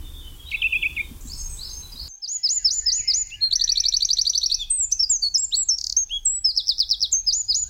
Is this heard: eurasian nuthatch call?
yes